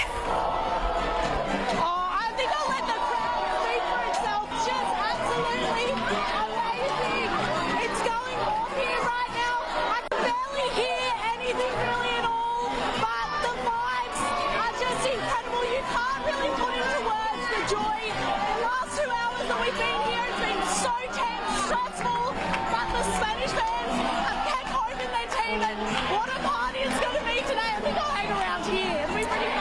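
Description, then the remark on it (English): A large crowd of Spanish fans at a public viewing in Sydney chatters continuously, many overlapping voices blending into a steady, loud babble with occasional sharper shouts rising above the din. “is with Spanish fans in Sydney.”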